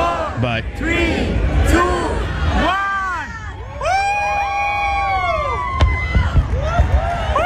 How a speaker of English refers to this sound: It's just the fireworks, pretty much what the feed was, but not on NBC. Oh, okay. All right, that's what I kind of want Dan to see. So yeah, this is the fireworks portion. This is not through NBC, so they're not incorporating the music.